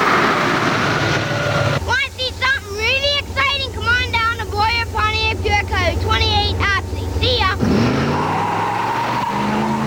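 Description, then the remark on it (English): A Trans Am sports car engine roars loudly for about six seconds, mixed with wavering, high-pitched tire squeals, then cuts off abruptly, in a 1989 radio commercial for Jerry Nurse Auto Parts. “Here comes the kid in the Trans Am.”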